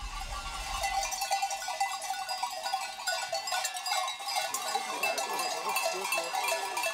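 A dense, continuous jangle of many bells on a flock of sheep rings out as the sheep and their drovers arrive home after eight more hours over the mountains, with occasional faint bleats mixed into the steady metallic clatter.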